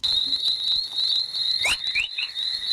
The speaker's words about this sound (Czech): Chorus trošku připodobní k štěbetání ptáků. Signály, které vznikají většinou na hraně takzvaných fanálenových radiačních pásů.